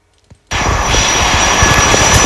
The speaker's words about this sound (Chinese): 走进东方国信数据中心的项目建设现场，整个园区内机器轰鸣，工程车辆来回穿梭，施工人员分布在各个作业面上加紧干活。